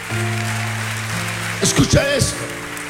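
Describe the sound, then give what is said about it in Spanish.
Steady crowd applause offered to God Almighty, beneath sustained organ-like chords, with a man's voice briefly calling out over the clapping near the end. “Dele ese aplauso al Dios Todopoderoso.”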